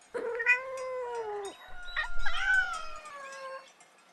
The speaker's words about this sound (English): This is a cat. Cat. What does a cat say?